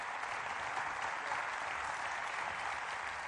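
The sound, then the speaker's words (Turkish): Sustained applause from a large crowd cheering a wrestling victory by the boatman wrestler İsmail Pehlivan, a dense, steady wash of clapping hands that holds at an even level throughout without pause. “Halk şimdi kendisini alkışlamakla meşguldü.”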